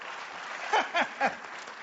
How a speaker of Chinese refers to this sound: 哎，对，鼓掌就对了，说明您这叫鼓掌接福，愿福到您家。